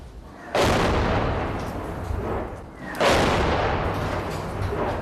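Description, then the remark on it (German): Two loud, booming tank cannon shots, about two and a half seconds apart, each a sharp deep blast followed by a long rumbling decay that fills the gap until the next shot. “Das hört sich nicht an wie ein RPG. Ja, es ist zu laut. Vielleicht ein Panzer.”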